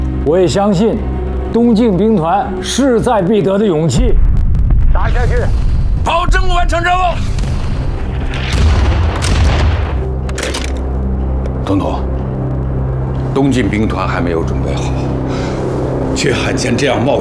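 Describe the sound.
A man speaks briefly, then heavy artillery opens up in an attack on Tashan launched ahead of schedule: loud booming shell blasts and sharp cracks follow one another over a continuous deep rumble, with scattered voices in the background.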